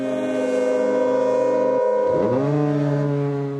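A loud, sustained foghorn blast with a rich, buzzing low tone; midway it swoops down and settles onto a deeper steady note that holds to the end.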